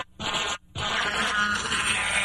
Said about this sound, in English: By the way, there's a fly on your credit card machine. Let me get my sledgehammer.